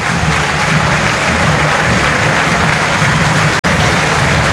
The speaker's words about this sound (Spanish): Atención que hay córner para Boca, va Leandro Paredes. Va el campeón del mundo. Va Leandro Paredes. Escuchen los aplausos de la gente.